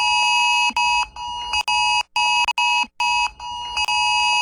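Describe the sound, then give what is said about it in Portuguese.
A cell phone's extreme emergency alert tone blares loud, a harsh, piercing electronic tone sounding in repeated bursts broken by brief gaps, with no voices; a false extreme alert message sent to cell phones by a hacker attack. “No último sábado, um ataque hacker foi responsável por enviar mensagens falsas de alerta extremo para mais de 30 milhões de celulares em 8 estados do país.”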